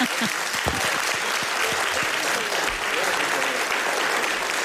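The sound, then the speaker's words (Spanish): Steady, dense audience applause, a crowd clapping continuously at an even, fairly loud level for several seconds with no talking over it, applauding a speaker at a live event in Zaragoza. “te mereces un aplauso.”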